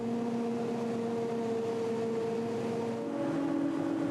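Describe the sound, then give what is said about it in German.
A forage harvester engine runs during the maize harvest with a steady, loud droning hum and strong tonal whine, its pitch holding constant before shifting slightly upward near the end; no voices are heard. “Also es macht auch Spaß, aber mir macht es weniger Spaß auf dem Trecker als auf dem Häcksler.”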